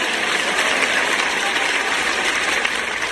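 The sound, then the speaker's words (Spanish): A crowd claps steadily for about three seconds, a dense, even wash of many hands at a constant loud level with no voices standing out. “Y amamos esa escritura y aplaudimos”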